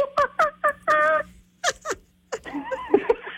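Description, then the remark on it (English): A Sonic 102.9 radio listener imitates a monkey call: three quick hooting yelps, a longer strained squeal, then broken panting hoots and a rising, chattering screech, all voiced and fairly loud with brief gaps between bursts. “we asked you, our Sonic listeners, to do your best monkey impression.”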